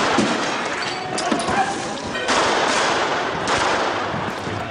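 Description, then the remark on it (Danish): Sharp cracks of police pistol fire at demonstrators go off amid a dense, roaring din of a night street riot in Nørrebro, Copenhagen, with loud bursts standing out over constant crowd noise and shouting; at least 113 shots are fired. “Mindst 113 pistolskud bliver affyret.”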